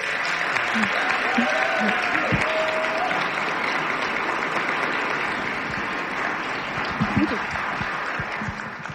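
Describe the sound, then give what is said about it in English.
Sustained audience applause at the Columbus Metropolitan Club's weekly forum, a dense, steady wash of many hands clapping at an even loudness for several seconds, with a few faint voices and cheers mixed in. “Let's all give Mitch a round of applause.”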